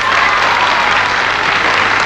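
An audience claps steadily, a dense wash of many hands filling the whole moment at a fairly loud, even level, with no one speaking over it.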